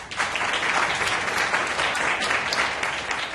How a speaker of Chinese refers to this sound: 请大家掌声鼓励